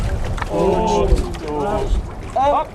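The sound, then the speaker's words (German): A para-rowing boat pushes off from a jetty on the Alte Donau at the Wiener Ruderclub Pirat in Vienna and glides over the water, amid a steady low rumble of water and wind, while several voices call out in short bursts over the top. “und seine Kollegen stoßen sich vom Steg ab und gleiten übers Wasser.”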